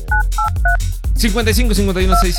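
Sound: telephone keypad dialing tones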